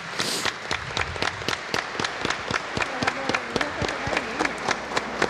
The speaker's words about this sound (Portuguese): Uma salva de palmas para os pais, as mães, as crianças.